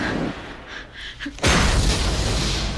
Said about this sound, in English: The testing room's doors explode.